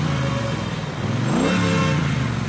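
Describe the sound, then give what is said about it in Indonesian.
A motorbike engine revs steadily, then its pitch climbs in a rising sweep as it sets off toward a mosque offering free takjil (iftar snacks), staying loud and continuous throughout with no voices. “Gas dulu lah, biar kebagian yang enak. Eh, santai aja, jangan ngebut.”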